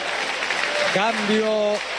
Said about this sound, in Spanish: Cambio. Al Blue Cambio, ovación de pie. Se retira uno que ya no se pondrá otra vez de manera oficial la camiseta argentina. Uno que tocó la gloria en Qatar.